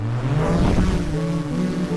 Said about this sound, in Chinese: 无人机听我指令，起飞。